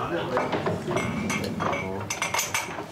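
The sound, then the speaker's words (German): Several bright glass clinks ring out in quick succession, as in a toast, over a steady murmur of voices and light tableware clatter. “Jetzt können wir zweimal Prost machen, ne? Prost.”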